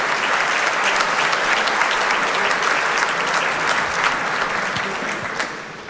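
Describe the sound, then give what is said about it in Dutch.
Sustained applause from a concert audience and the orchestra for a composer who has gone up on stage to receive it for his new work, a dense, steady wash of many hands clapping at once that holds at full strength and fades slightly near the end. “Om het applaus van het orkest en van het publiek in ontvangst te nemen voor zijn nieuwe werk.”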